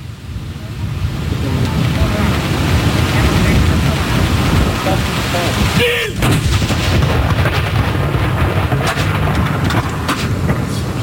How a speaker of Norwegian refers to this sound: Det altså 21 skudd I alt som skal avfyres. Og så det da som vanlig ved sørgesalutt, så det 30 sekunders pause mellom hver avføring.